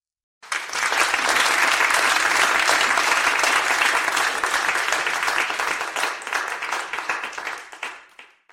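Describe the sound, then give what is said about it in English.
A large audience bursts into loud, dense applause, countless hands clapping at once in a steady roar that holds for several seconds before gradually thinning out at the end. “There's the sound. Listen to that. Hands and carrier waves.”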